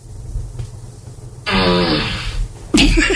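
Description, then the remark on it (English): A loud, drawn-out buzzy fart sound effect plays from an Alexa smart speaker, asked for a fart, for about a second, then a second sputtering burst follows. A low hum sits underneath, and no one talks. “Alexa, ask for a fart.”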